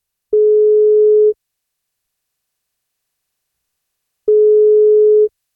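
Two steady, medium-pitched phone ringing tones, each lasting about a second with a long silent gap between them, the ringback heard while an outgoing call waits to be answered; the call is a wake-up call to a woman on her 61st birthday, who must answer to receive a birthday cake.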